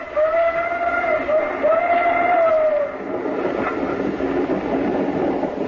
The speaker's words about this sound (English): Some train? The engine and two cars.